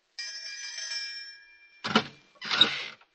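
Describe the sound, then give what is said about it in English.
A doorbell rings with a steady, bright metallic tone for over a second, fading out, followed by two short, noisy thumps like a door being handled. “Now, this must be the doorbell.”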